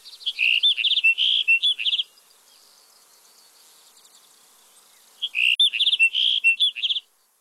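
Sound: sagebrush sparrow song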